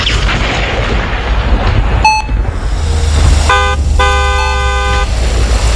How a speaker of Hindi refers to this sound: Horn कौन हो सकता है?